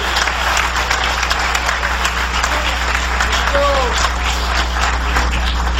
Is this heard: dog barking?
no